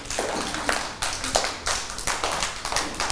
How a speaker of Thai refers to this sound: ปรบมือให้กับสโนว์หน่อย